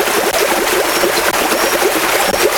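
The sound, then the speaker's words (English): Water sloshing and churning in a jacuzzi, a loud, steady rush of splashing waves that fills the whole moment with no voices. “Oh, hear that wave.”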